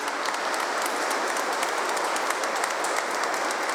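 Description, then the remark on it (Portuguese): A crowd at a religious service claps steadily for the parish caretakers (zeladores), a dense, even wash of many hands applauding throughout with no pauses and no voices standing out. “Vamos dar uma salva de palmas aos nossos zeladores.”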